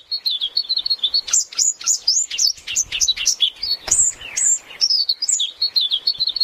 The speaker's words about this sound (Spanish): Un pájaro, uno solo. Después, nada.